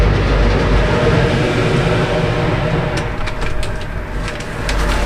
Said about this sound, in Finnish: laitettiin lautalle ja nyt meitä tässä kyydissä 2 autoa. Näin lähdetään laiturista.